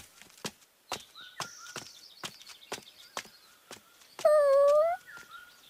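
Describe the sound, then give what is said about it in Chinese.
A puppy whimpers beside its dead mother dog. Faint, high whines give way to one loud, drawn-out, wavering whine near the end, set against a steady series of sharp clicks like footsteps or hooves. “是一只守在母狗身边的可怜小狗，母狗死了。”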